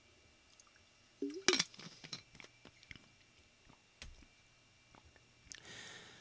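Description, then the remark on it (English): A quiet sip of water followed by soft swallowing and small wet mouth clicks, with a brief louder slurp near the start and faint rustling afterward. No one speaks. “Try the water.”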